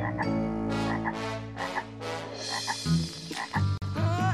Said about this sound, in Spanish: ¡Alguien viene, Cleo! ¿Será otra rana intrusa?